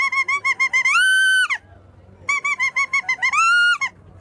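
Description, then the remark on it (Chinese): A suona mimics a nightingale's call in two loud phrases, each a run of quick bright chirps rising into a long, sustained shrill note, with a short pause between them. “这是夜莺啊， 夜莺， 夜莺了， 我都没听说。”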